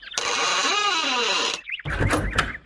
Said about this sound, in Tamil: சரி, கதவு திறப்போம்.